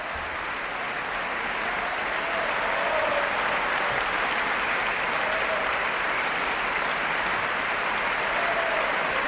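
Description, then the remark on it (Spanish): A big ovation for the Orquesta Nacional de España as conductor David Afkan comes out again to bow: sustained, dense applause from a large audience, steady and loud throughout with no pauses, a broad wash of clapping hands with no talking. “Gran ovación para la Orquesta Nacional de España.”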